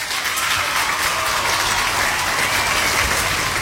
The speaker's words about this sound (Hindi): और सब ने बिल्कुल सही जवाब दिया है. तो आपके लिए बजेंगी यहाँ पे तालियां.